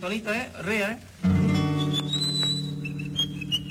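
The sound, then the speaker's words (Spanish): Someone whistles a short, wavering melody, an old tune, on a Radio Santa María broadcast at 6:42 in the morning, heard over a steady low hum and a voice that speaks briefly just before the whistling starts. “¿Qué estás silbando, amigo?”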